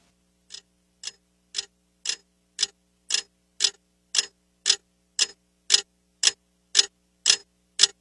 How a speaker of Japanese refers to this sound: 部屋の中の物音は安っぽい目覚まし時計の針の音だけだった。明け方目を覚まして時計を見ると6時を指していた。